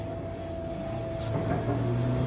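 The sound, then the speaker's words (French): A car engine pushed to full throttle at AET Motorsport, a racing turbocharger specialist, drones with a steady, low, humming tone, then swells louder and slightly higher midway as the throttle opens, holding a strained, sustained roar to the end. No voices. “J'ai des hallucinations auditives ou vous entendez aussi un moteur qu'on pousse à fond?”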